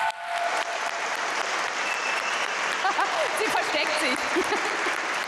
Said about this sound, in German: Einen Riesenapplaus für dich.